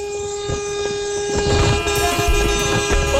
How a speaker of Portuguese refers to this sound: Região dos Lagos aqui, ó. O buzinaço, filho! Vai!